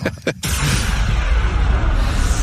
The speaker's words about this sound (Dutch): Vuurwerk. Dat zal zijn.